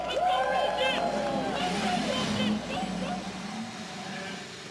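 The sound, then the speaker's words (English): Thirty-three race car engines fire up and rev together as the 104th Indianapolis 500-mile race is about to start, their overlapping whines rising and falling in a loud, steady roar that settles into a sustained drone. “Thirty-three engines roar to life as we prepare for the 104th running of the Indianapolis 500-mile race.”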